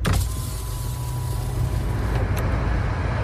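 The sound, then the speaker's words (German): A car rolls along at steady speed as a window is opened for fresh air: a continuous low engine and road rumble mixed with rushing wind and a brief whir of the power window near the start. “Puh, ich mache das Fenster auf. Ich brauche frische Luft.”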